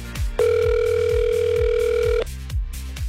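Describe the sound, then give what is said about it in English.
A telephone line tone sounds once as a radio station in Portage calls the winner of a road trip contest, a steady electronic beep lasting nearly two seconds, loud and clear over a thumping rhythmic music bed that continues after it stops. “Let's make that phone call to the winner of road trip number 2.”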